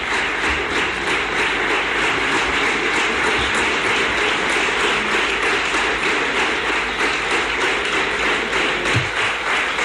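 Long, sustained applause from Partido Popular representatives in the parliamentary chamber for investiture candidate Juanma Moreno, a dense, steady wash of clapping that stays loud and even throughout with no talking over it.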